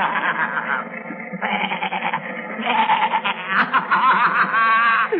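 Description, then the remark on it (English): Billy goats bleat loudly and almost without pause, several wavering, quavering cries overlapping one another for the whole stretch, with a chattering, laugh-like edge to some calls. “There are a lot of billy goats.”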